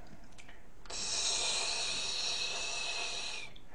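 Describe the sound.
A person imitates a snake's hiss, the first of six animal sound imitations, with one sustained, breathy hiss lasting nearly three seconds, steady, with no talking.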